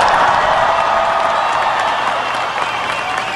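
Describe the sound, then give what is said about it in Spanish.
Steady, dense applause from an audience fills the whole stretch, many hands clapping at once at a constant, fairly loud level with no gaps or voices standing out. “Un aplauso para”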